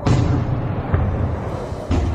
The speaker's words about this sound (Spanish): Viajamos al 7 de marzo de 2026, por la noche. Una serie de explosiones sacudieron varias instalaciones de almacenamiento y refinerías de petróleo en Teherán.